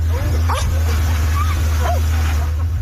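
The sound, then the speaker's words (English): A few sharp barks and yips from rescue dogs searching a mud-caked pile of rock and debris after flash flooding near Tibet's border with Nepal ring out at irregular intervals over a constant low rumble, with faint background voices outdoors. “Rescue dogs searching a mud-caked pile of rock and debris, but for many, hope of finding survivors is fading.”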